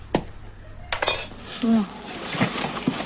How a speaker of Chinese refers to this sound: 原本松散的盐已经凝结成了块状，只能用工具一点一点地敲打。